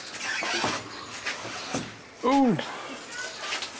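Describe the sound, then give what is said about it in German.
A door in a house is let go and swings with a short, rising-and-falling hinge squeal, fairly loud, amid a few muffled knocks and soft background noise. “Ja, dann lass ich los, ja? Ja. Okay. Lass ich die Tür.”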